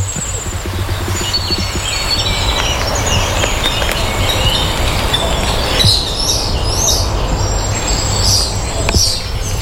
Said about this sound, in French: Là, j'ai entendu le coucou.